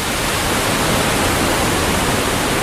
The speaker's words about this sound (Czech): Potomek je velká, ale místy také velmi dravá řeka. Jsme přibližně 30 kilometrů od centra Washingtonu. Tady jsou velké vodopády Potomeku.